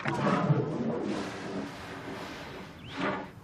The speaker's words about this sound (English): So there's another herd of elephants out there? Oh, yes. I wouldn't be surprised if these elephants are part of that herd. They'll catch up. You hear that, boy? Your herd's not far from here.